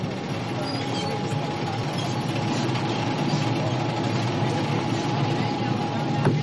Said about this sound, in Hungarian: Az a baj, hogy nem hallok más, csak a felszíni hangokat és apró ropogásokat, ahogyan a hajótest mozog. Még nincs elvágva teljesen, és a repedés szélei pattognak.